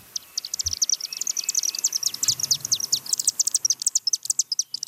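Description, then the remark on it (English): A dense flock of chimney swifts at a chimney roosting site near Magog in the Eastern Townships, Canada, chittering and twittering nonstop, rapid high-pitched calls overlapping in quick bursts, loud, with no voices. “Not just any old chimney, but a roosting site for chimney swifts, a bird species at risk across Canada.”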